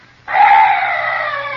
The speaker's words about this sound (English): Oh, what's that? Oh, some night birds. Yes, that's all.